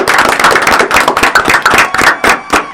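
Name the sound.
audience applause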